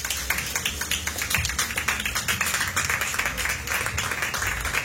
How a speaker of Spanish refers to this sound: Denle una ofrenda de palmas al Señor.